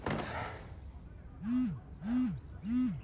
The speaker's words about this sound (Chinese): 手机响